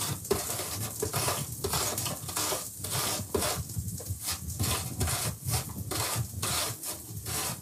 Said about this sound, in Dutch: En nu de appel. Ook raspen, hè. Een beetje voorzichtig zijn.